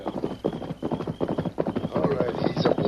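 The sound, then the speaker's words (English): A horse gallops in, its hooves pounding out a quick, steady clip-clop rhythm that grows a little louder as it draws nearer. “It's a horse galloping this way.”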